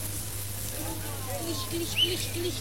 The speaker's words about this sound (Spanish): ¿Se escucha un poquito? ¿Qué sonido más hermoso? No debe haber sonido más hermoso. El crepitar de las brasas. Ya están los tres bifes de chorizo en la parrilla.